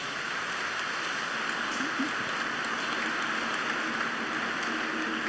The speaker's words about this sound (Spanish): Sí, ok, un aplauso a todos los padres, gracias.